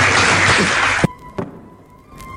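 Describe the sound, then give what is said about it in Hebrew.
A loud burst of crowd applause, inserted from another recording, fills the first second, then cuts off abruptly, leaving a quiet background with a faint steady tone and one brief knock. “פה אנחנו נכניס מחיאות כפיים של קהל במקום אחר.”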